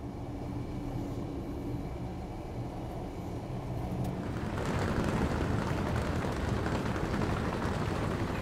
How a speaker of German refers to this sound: Nach etwas über 7 Stunden erreicht die Bergenbahn pünktlich den Bahnhof der Hauptstadt.